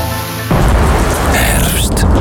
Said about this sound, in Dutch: Storm, regen, bladeren op je dak.